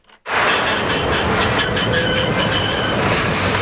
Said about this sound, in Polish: Co to był za tramwaj, co odjechał?